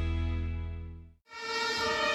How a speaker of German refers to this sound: Manchmal kommt Hilfe laut mit Blaulicht und Sirene.